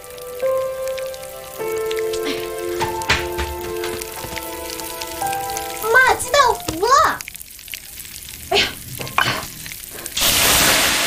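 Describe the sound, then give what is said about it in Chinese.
Water is poured into a hot pan of burnt food at the very end, out of fear of fire, bursting into a loud, harsh sizzle. Before it come sustained melodic tones, a few rising chirps and scattered clattering knocks. “你倒水干什么呀？ 我不是怕着火吗？”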